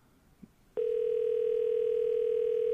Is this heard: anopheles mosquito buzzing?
no